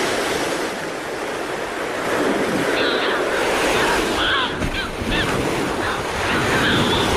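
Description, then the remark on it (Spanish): An Audouin's gull gives a few short, nasal calls over the steady roar of ocean surf. The calls come in scattered bursts about a second apart, set against constant wave wash and wind. “Estas son las dos especies que oiremos sobre las olas. La gaviota de Odowin.”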